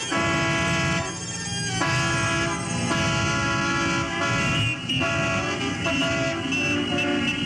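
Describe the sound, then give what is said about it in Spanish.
Loud, unbroken blare of overlapping horns from cars and motorcycles honking in heavy traffic, their steady tones shifting every second or two over a low engine rumble, with no voices. “Háganse las grandes carreteras y circulen por ellas los Mercedes y los Cadillac, los Chrysler y los Mustang y todas las especies de automóviles y de ruidosas motocicletas y todo lo que se mueva sobre ruedas.”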